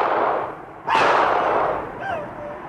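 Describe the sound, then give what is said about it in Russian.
A single sharp pistol shot, fired by a fallen man twisting his arm back, cracks out after a rush of noise, its loud report ringing and fading, followed by a fainter metallic clink. “Тот упал, но вывернул назад руку и выстрелил в Алого.”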